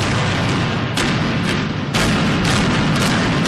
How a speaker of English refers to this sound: With two series of explosions, the 19-story Sheraton Hotel collapsed in a cloud of dust as it was imploded today to make room for a third Lowe's Hotel in Arlington's entertainment district.